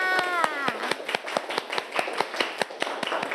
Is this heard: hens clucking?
no